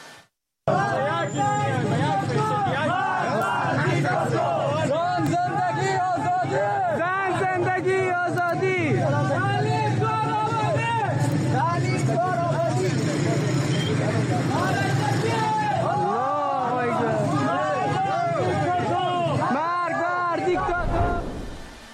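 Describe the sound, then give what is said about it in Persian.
A large crowd of protesters in Herat chants slogans, including "Woman, Life, Freedom" and "Death to the dictator", together in loud, rhythmic bursts, many voices rising and falling in unison over a steady background hubbub for about twenty seconds. “همزمان شماری از شهروندان هرات به نشانه اعتراض تجمع کردند و شعارهای زن زندگی آزادی و مرگ بر دیکتاتور سر دادند.”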